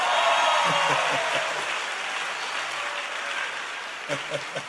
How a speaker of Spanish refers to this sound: Fuera de ti, pero déseme un aplauso.